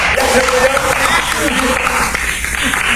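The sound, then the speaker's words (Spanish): Loud, sustained audience applause fills all three seconds as a dense, steady patter of many clapping hands, with voices calling out underneath. “Ya se murió, aplausos.”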